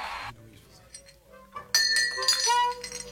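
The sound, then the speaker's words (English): Drinking glasses clink sharply together partway through, leaving a bright, high ringing that lingers to the end, after a brief burst of rustling noise and faint background voices. “Hey, look out for my glass over there, man. That's my drink, man.”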